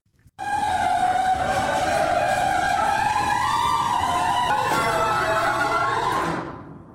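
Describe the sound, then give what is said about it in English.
An old garage door, before nylon rollers were installed, grinding and screeching along its track for about six seconds, a loud, steady metallic squeal that wavers slightly in pitch before cutting off. No voices. “Clanking and clanking and making noises.”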